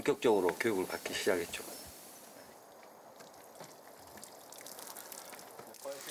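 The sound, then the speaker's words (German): A man speaks briefly, then water pours steadily over a cedar wood plank to soften it so it bends well and does not warp, a continuous hissing splash that runs on for several seconds. “Ich lasse Wasser über diese Planke aus Zedernholz laufen, weil man sie weich machen muss, damit sie sich gut biegen lässt und nicht verzieht.”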